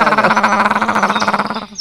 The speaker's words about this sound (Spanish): Está haciendo gárgara. Sí. Es un pájaro raro que hay.